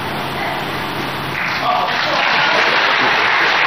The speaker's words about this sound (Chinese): 别着急鼓掌，鼓掌的机会在后面。